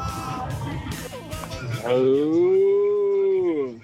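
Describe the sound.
Busy overlapping voices for a couple of seconds, then a single loud, drawn-out cow moo, holding steady for nearly two seconds before trailing off.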